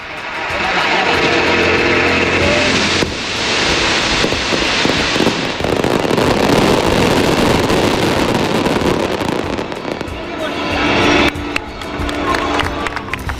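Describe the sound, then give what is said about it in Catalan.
A dense, continuous barrage of fireworks, the palmera imperial closing the Nit de l'Alba in Elx, Baix Vinalopó, crackles and booms for the whole stretch, loud and unbroken, while the bells of the basilica ring steadily underneath the din. “És la palmera imperial que posa fi a la nit de l'alba, toquen les campanes de la basílica, se sent el Gloria Patri, la peça apoteòsica del misteri, i es tanca d'esta manera la nit més màgica de l'any a este municipi del Baix Vinalopó.”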